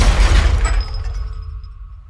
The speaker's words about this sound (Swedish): Människor börjar skrika när bilen skenar och till slut kraschar rakt in i ett skyltfönster.